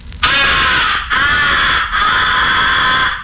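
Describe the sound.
A harsh, raspy crow-like comeback call blown on a crow caller to bring crows back, three drawn-out loud blasts with brief breaks between them, no talking.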